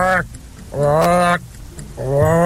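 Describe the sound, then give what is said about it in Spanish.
A person imitates the croak of a frog heard through the night, with three loud, drawn-out, buzzy vocal calls of steady low pitch, separated by short pauses and heard on their own. “La rana de toda la noche.”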